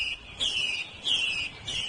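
A wild hwamei, recorded in a mountain forest, sings its courtship song: three clear, high whistled phrases in quick succession, each sliding slightly downward, fairly soft against a quiet outdoor background with no voices.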